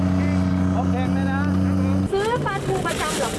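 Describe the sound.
The engine of a mackerel seller's boat on a canal drones steadily under people talking, then its low hum shifts abruptly partway through as the voices continue over the water traffic.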